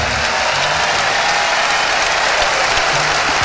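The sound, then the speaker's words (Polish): A concert crowd applauds steadily during a 2025 live recording, a dense wash of clapping that stays loud and even throughout with no pauses and no voices standing out. “Wersja z oklaskami z podwójnego albumu …, rok pański.”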